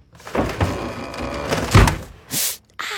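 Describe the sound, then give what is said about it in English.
A wooden drawer rattles and scrapes along its runners, then bangs shut with a loud thud, followed by a quick sliding noise and another knock, as a woman gets dressed for an early meeting while her husband is still asleep. “the California Closets version of that moment, featuring custom soft close drawers”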